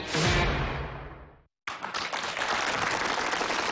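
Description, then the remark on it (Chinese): A crowd at a crosstalk comedy performance breaks into dense, enthusiastic applause that swells loudly, fades, cuts to a brief silence, then resumes as steady, sustained clapping with no voices. “谢谢大家这么热情的掌声鼓励啊！”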